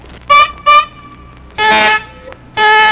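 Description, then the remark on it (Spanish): Someone blows their nose with a loud, honking, horn-like tone: two short toots followed by two longer, buzzy blasts, with no talking. “si se suena como pito de carro, mire.”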